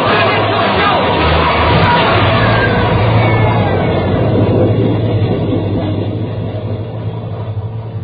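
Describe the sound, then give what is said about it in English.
A loud, continuous roar of a subway train rushing through a tunnel, with dense rumbling and rattling that stays steady, then eases slightly toward the end. “There's a train coming through.”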